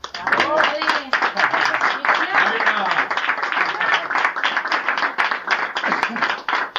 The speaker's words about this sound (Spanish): Un aplauso para él.